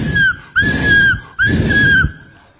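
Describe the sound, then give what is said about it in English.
A preacher whistles three times in a row, imitating God calling someone, each a sustained high note with slight upward and downward bends, over a breathy rushing background, with brief pauses between. “Say, come on, he would whistle.”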